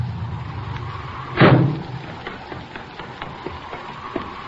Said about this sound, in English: Hey, listen. Here comes a car.